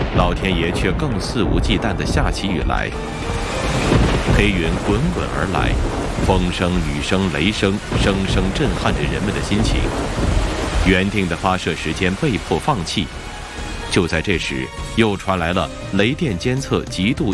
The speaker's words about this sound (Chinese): 老天爷却更肆无忌惮地下起雨来，黑云滚滚而来，风声雨声雷声声声震撼着人们的心情。